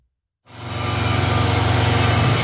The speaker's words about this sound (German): Aus dem Schwarzen Bären an der Rheingasse tönt immer noch Baulärm. Ende Jahr sollen die Bauarbeiten dann fertig sein.